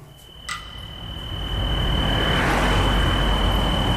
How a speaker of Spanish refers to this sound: ¿Esto dónde es? ¿Es de ese coche? Es un coche. Esto es de Sineu, de casa de Puter. ¿Sí? De hecho, las grabaciones son de él.